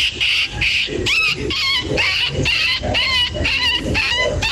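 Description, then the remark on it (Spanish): A person's voice imitates a small dog whimpering, shown off as a hidden talent: a loud string of high, quavering whines and yips repeated rapidly in short bursts, with rising and falling pitch throughout. “Y hace como el perrito de guión.”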